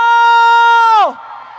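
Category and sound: crowd, audience cheering and applause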